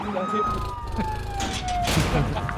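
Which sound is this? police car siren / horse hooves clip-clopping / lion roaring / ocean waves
police car siren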